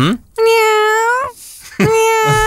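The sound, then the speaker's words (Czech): A person imitates a cat with two drawn-out, wavering meows, loud, separated by a short pause, the second rising sharply before trailing off. “ještě jednou teda oficiálně kočička. Mau, mau.”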